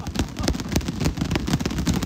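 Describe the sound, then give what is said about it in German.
Muffled, padded thumps as boxing gloves are clapped together, a quick irregular series of dull, soft-edged smacks with a low, cushioned tone rather than sharp hand claps. “Klatscht mal mit den Boxhandschuhen, damit hier...”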